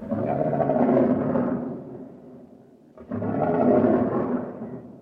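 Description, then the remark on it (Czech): Two deep, rumbling roars of a huge lion, each swelling loud and then fading, separated by a short pause. The roars are powerful, with no talking. “V jediném okamžiku stál proti kocourovi místo čaroděje obrovský lev.”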